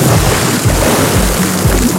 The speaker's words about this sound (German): Ins Schwimmbad springen.